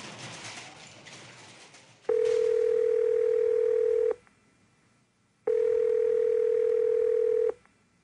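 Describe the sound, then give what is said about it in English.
A telephone dial tone sounds in two long, steady, mid-pitched bursts of about two seconds each, separated by a short silence, after a moment of soft hiss. “Tonight we're going to reach out and touch someone with the telephone.”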